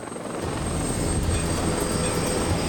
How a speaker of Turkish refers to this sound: İlk havalanan Bell 412 çok amaçlı helikopter bu irtifalarda 1,2 ton yük taşıyabiliyor.